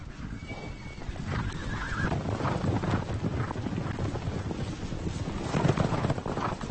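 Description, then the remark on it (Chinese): A herd of Konik horses runs up and surrounds a red deer fawn on a meadow; the horses neigh and whinny over a steady rumble of hooves, with wind buffeting in the background; no one speaks. “就在这个时候，一群科尼卡野马跑了过来，他们包围了一头小鹿。”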